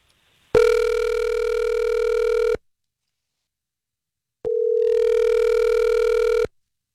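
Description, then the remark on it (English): A phone line ringing out on an outgoing call to a woman: two long, steady ringback tones, each about two seconds, separated by a two-second pause of silence. No one speaks. “All right, let's call her.”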